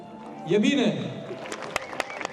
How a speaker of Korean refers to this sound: 관객들도 박수로 응원을 보냅니다.